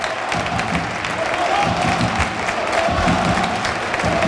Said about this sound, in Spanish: y en estos momentos el colegiado decreta el final del primer tiempo y así aplaude el Arcángel a sus jugadores.